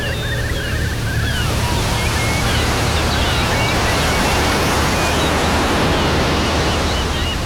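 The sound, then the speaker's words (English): Ocean waves break and wash continuously onto a beach, a loud, steady roar of surf with no voices, faint high chirps flickering above the rushing water. “Escape to the beaches of East Anglia.”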